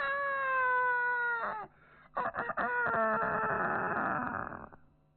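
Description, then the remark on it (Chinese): A man's voice mimics a mountain-village rooster crowing at dawn, one long drawn-out cock-a-doodle-doo in two loud sustained bursts separated by a short break, clear with no other talking. “那公鸡打鸣比我这打得好”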